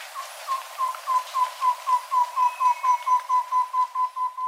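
A common tobacá bird's trill of steady, evenly spaced whistled notes at one pitch, about sixteen in a row, clear, with faint background ambience and no talking; a recording from the Colombian Bird Sound Bank compiled by the von Humboldt Institute and Cornell University.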